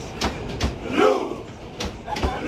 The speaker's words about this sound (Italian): E la Viking Row dei tifosi norvegesi è infatti ormai il tormentone e simbolo di un popolo intero che per la prima volta crede alla possibilità di arrivare in fondo a un mondiale.